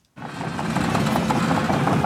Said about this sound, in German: Die Bagger rollen hier an der Grundschule in Kernen im Remstal nahe Stuttgart. Ein Sound, der nicht nur Lokalpolitiker anlockt.